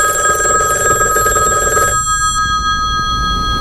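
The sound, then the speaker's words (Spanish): A telephone bell rings loudly in a steady electronic trill for about two seconds, then stops, leaving a faint lingering tone and low background hum. No one speaks. “Che, me parece que suena el teléfono.”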